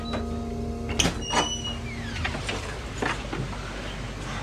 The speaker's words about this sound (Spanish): ¿Todavía cierra esta puerta? Oh, sí.